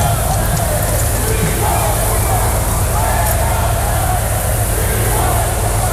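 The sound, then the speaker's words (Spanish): A dense, steady roar from a large crowd at the 12 October military parade in Madrid, with faint shrill whistles and jeering voices rising through the continuous hubbub for the full six seconds, as Spanish prime minister Pedro Sánchez arrives. “El presidente del gobierno, una vez más, un 12 de octubre más, ha sido recibido con pitidos y abucheos a su llegada al desfile, que este año se celebra además coincidiendo con la precampaña electoral.”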